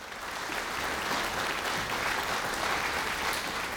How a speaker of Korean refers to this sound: 큰 박수로 맞아주시면 감사하겠습니다.